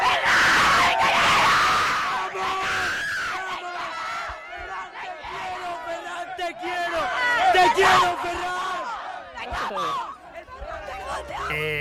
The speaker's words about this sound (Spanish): Ha sido la consecución de otra final del Mundial para España. Es además con un gol del valenciano Ferran Torres. Aquí se ha celebrado con muchas ganas, con petardos, con cánticos, con mucha alegría entre familiares y amigos.